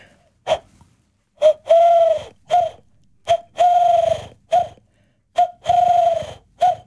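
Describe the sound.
The 2025 Polish bird-imitation champion imitates a Eurasian collared dove, giving three clear rounds of the three-note coo, a short note, a long drawn-out one, then a short one, with brief pauses between.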